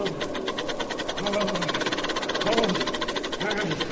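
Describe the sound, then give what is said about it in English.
A steam shovel engine idles with a steady, rapid chugging pulse that holds an even rhythm throughout, while muffled voices rise and fall beneath the mechanical rattle. “Hey, what are you doing playing around my steam shovel?”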